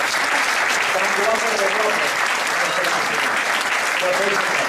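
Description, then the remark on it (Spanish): Steady, dense, loud applause from a crowd for six children presented in the Pepinito de Leganés 2026 shirt, with faint voices mixed into the clapping. “Bueno, pues un aplauso para los seis.”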